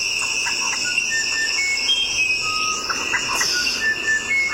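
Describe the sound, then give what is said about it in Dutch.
Short whistled bird notes sound in a loose, repeating phrase over a steady, shrill insect-like drone that fills the background throughout. No one speaks. “Ik heb nog meerdere soorten van, maar andere melodie van deze vogel.”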